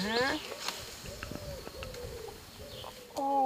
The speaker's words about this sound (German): Oben singt die Taube.